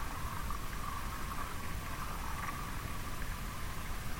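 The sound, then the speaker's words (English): Faint, continuous radio static from the ionosphere, picked up away from urban electric infrastructure. It has a soft crackling texture, a steady hiss that holds at an even level throughout, with no voices and no distinct individual events. “we hear this cracking, this small cracking, which is actually from the ionosphere.”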